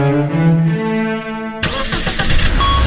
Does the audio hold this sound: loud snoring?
no